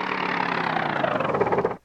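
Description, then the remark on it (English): The small motor of a flying machine is test-run before its propellers and shafts are attached, with a steady, buzzing whir that holds an even pitch and loudness for nearly two seconds, then cuts off abruptly. “There she is, purring like a kitten. Looks and sounds great.”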